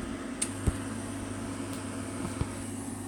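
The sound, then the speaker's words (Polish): An induction hob with a pot placed on it hums steadily with a faint high-pitched whine, punctuated by a few soft clicks as it switches on and cycles at high power, with no talking. “Słychać? Włączenie? Słychać. Przestało. Znowu. To znaczy, że to duża moc.”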